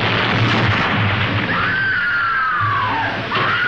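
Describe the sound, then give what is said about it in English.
A loud, roaring explosion in a film scene aboard an upside-down ship flooding with water fills the scene with a dense, sustained rumble, while a high wailing tone slides downward through the middle of the blast. No one speaks. “And gradually, water is flooding the ship, kind of like the Titanic. And there are explosions.”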